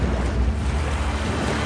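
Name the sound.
stormy sea waves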